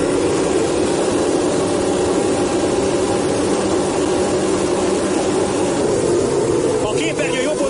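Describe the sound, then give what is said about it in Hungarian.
A loud, sustained roar of many Formula 1 car engines revving together as the field launches at the start of the 2017 Hungarian Grand Prix, a dense wall of mechanical noise holding steady for several seconds with no break. “Kedves nézőink, kapcsolják be biztonsági öveiket, mert néhány másodperc múlva elrajtol a 2017-es Forma 1-es Magyar Nagydíj.”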